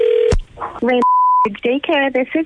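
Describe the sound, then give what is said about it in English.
A short electronic phone tone, then a steady mid-pitched beep lasting about half a second, with a voice speaking between and after the tones, fairly loud; a call is being placed to a daycare as a prank. “It's our phone prank. The phone”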